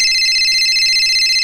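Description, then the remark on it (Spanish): A telephone rings in a radio station booth with a steady, bright electronic warble, loud, sounding continuously without pause and with no voices over it. “Y el teléfono en cabina.”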